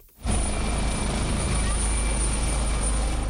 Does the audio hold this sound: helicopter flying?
yes